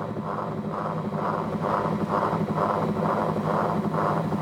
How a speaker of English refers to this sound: So the soundtrack, which is the LP, is playing, but you can also hear underneath the sound of the whirlies themselves as they rotate.